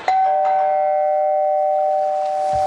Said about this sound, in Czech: Někdo zvoní asi. No ne, to by mě nenapadlo. Tak otevře mi někdo.